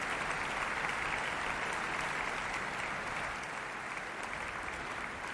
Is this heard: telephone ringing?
no